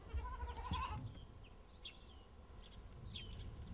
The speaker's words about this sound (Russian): Какой козленочек хорошенький. Твой, да? Да. Прелесть.